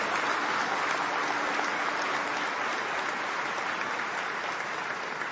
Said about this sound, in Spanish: Alguien que le dé un aplauso al Señor por eso. Amén.